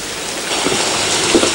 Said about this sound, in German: Was soll man auch da draußen bei diesem ewigen Regenwetter?